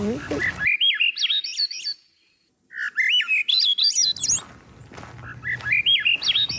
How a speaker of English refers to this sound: Now, the other one you were talking about, Grive à dos olive, Swainson's thrush, that is the marble that goes up. Right. And like this.